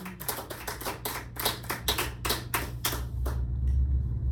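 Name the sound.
audience clapping hands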